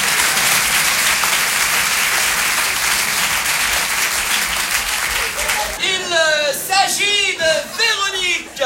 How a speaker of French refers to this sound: Mademoiselle, on vous applaudit très fort, rapprochez-vous.